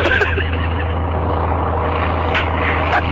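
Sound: airplane engine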